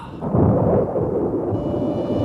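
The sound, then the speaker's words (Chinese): A deep, rolling thunder rumble swells and lingers, heavy low-end noise filling the air without pause, like an approaching storm just before rain begins. “要下雨了”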